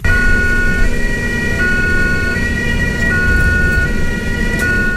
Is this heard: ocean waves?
no